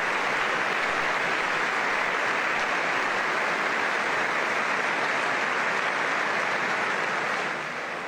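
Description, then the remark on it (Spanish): A large crowd gives the Holy Father a thunderous ovation after his words, applauding loudly and steadily, a dense wash of clapping that holds for several seconds before easing slightly at the end, with no voices on top. “Palabras del Santo Padre, que ahora recibe una atronadora ovación.”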